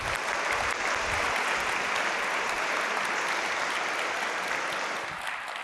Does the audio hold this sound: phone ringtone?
no